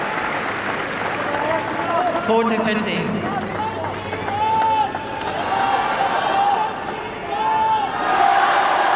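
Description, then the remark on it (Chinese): A large crowd of spectators at Court Philippe-Chatrier cheers and chants steadily for tennis player Zheng Qinwen during her match against Vekić, with rising and falling shouts layered over a constant roar of many voices. “听到了在菲利普夏迪埃球场观众们给郑钦文的加油声。”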